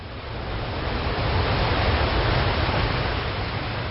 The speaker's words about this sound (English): And then, on the spring tide, the storm was pounding. I could not hear anything except the beating tumult of the waves pounding themselves against the fallen trees and the eroding dunes.